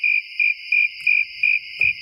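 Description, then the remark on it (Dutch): A steady, high-pitched cricket chirp repeating in six even pulses, a continuous shrill trill running beneath, fairly loud with no voices. “Alleen maar krekels.”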